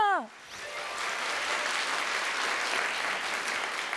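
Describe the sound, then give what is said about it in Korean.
An audience applauds after a children's music performance: a steady, dense, even wash of clapping that holds from start to finish, preceded by the brief tail of a voice at the very beginning. “여러분 큰 박수 부탁드립니다.”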